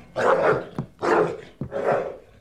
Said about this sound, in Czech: No tak chytni to psa, slyšíš? Chytni ho! A uklidni.